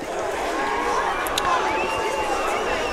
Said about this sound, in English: Good crowd here this afternoon